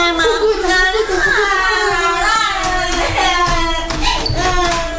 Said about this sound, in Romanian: Și gălăgia pe care o fac copiii. N-am auzit când ai bătut la ușă.